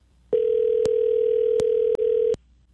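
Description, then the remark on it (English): A steady telephone dial tone hums for about two seconds, with a few sharp clicks cutting through it, clear, then stops abruptly, as a High Country radio host phones a listener who won concert tickets. “So it's time to get to the phone line to see who the winner is today.”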